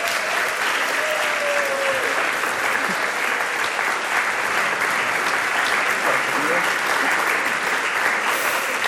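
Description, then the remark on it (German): Sustained audience applause for the guests of a talk round, a dense steady wash of many hands clapping at even loudness for several seconds, with faint voices faintly audible beneath it. “Und ich finde, ihr dürft für unsere Gäste einmal einen großen Applaus dalassen.”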